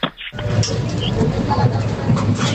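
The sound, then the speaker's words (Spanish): A bottle return machine scanning the barcode of a glass bottle or a can: a steady mechanical hum and rattle with a brief, high-pitched beep partway through, the noise staying fairly loud and even throughout. “Ese sería al pasar el vidrio por el código de barras, ¿no, Francisco? O la lata del plástico.”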